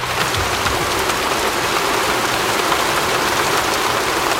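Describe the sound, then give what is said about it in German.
Steady rain pattering against a window, a dense, continuous hiss of drops with no pauses, fairly loud throughout. “Regenprasseln.”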